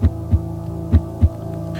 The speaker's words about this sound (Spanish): ¿Qué eres realmente? Un latido. No del corazón. De algo más profundo.